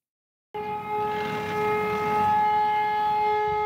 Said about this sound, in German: Ohne Knall, aber mit lauter Sirene geht es los. Das Übungsszenario? Ein Flugzeug und ein Tanklaster stoßen auf dem Flughafenvorfeld zusammen.